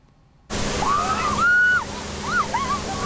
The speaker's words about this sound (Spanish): La policía alemana utiliza cañones de agua y no es para dispersar a la multitud. Al contrario, así la atraen. En Alemania todos quieren refrescarse.